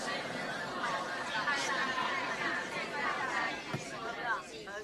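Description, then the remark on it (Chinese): A church audience repeats a phrase to their neighbours, many overlapping voices forming a steady, moderately loud babble with no single speaker standing out. “帮我跟旁边讲一次这句好不好？”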